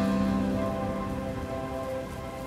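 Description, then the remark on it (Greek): Steady rain patters continuously on a hard surface, a dense, even hiss of drops at moderate loudness, with a faint sustained tonal hum underneath and no voices. “Κρύβομαι κάτω από τη βροχή και σε κοιτώ ευτυχισμένη.”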